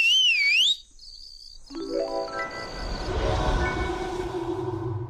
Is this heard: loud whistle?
yes